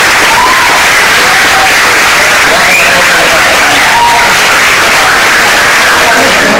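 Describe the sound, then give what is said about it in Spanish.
An audience at an event claps loudly and steadily for Benjamín Prado for several seconds, a dense, continuous crackle of many hands, with a few faint cheers and voices mixed into the ovation. “Así que un aplauso para Benjamín.”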